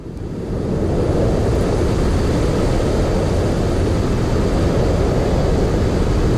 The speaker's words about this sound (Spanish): Este es uno de los ruidos blancos más frecuentes que encontramos si hacemos una búsqueda en internet o en cualquier plataforma musical como Spotify.